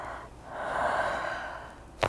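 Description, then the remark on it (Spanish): A long, soft breathy exhale from a patient told to keep breathing fills most of the moment, then a single sharp crack of the neck joint pops right at the end during a cervical torsion manipulation. “Ese track se llama torsión cervical.”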